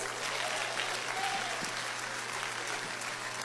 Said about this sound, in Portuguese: Vamos receber o servo do Senhor com as palmas, bem alegre para Jesus.